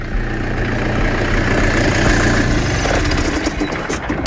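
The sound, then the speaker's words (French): A working tractor engine chugs steadily and fairly loud outdoors in a vineyard plot as it approaches, a deep continuous rumble throughout, with a few faint clinks near the end and no voices. “Alors, pour essayer d'en savoir un peu plus, je suis en train de monter dans la parcelle, parce qu'il y a un tracteur qui travaille, là, qui est en train d'arriver vers moi.”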